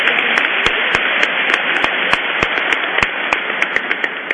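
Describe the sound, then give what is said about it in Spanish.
A church audience applauds to thank visiting priests, including Father Francis Montilla, parish priest of Cambita, with dense, steady clapping that fills the whole stretch at an even loudness, with a few sharper individual claps standing out in a loose rhythm. “Así que le damos un aplauso y agradecemos su presencia.”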